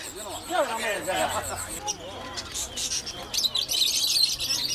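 Small birds for sale at a market chirp and tweet in quick, busy bursts, with a murmur of crowd chatter and market bustle underneath.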